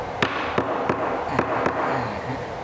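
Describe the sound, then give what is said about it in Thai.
Five sharp, hard knocks of a hammer driving wooden boards into place one at a time, striking the top first, spaced unevenly about a third of a second apart, over a steady background hiss with no talking. “โอ้แล้วตอกไหม ตอกลงไปเลยครับตอกด้านบนก่อนด้านบนก่อน”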